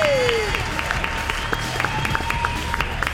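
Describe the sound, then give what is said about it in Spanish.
Sustained studio applause during a live broadcast in Argentina, for the channel: many hands clapping in a dense, steady patter for about three seconds, moderately loud, with a faint thin tone running underneath. “Y un aplauso para el canal del millón, damas y caballeros.”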